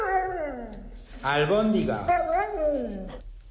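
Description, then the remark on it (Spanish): A dog howls and whines in a rising, falling, speech-like pattern, a few connected yowls over about three seconds; the dog is answering its owner and seems to say "albóndiga". “Un perro que está contestando a su dueño. Dice albóndiga.”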